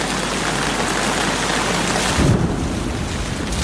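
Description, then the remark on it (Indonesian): Steady, dense rain pours down in a continuous hiss, with a brief low rumble partway through like thunder or wind; no one speaks. “Biasanya berapa lama durasi hujan yang pernah Anda alami?”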